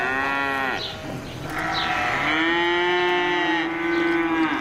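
cow mooing

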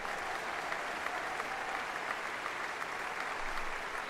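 concert audience applause

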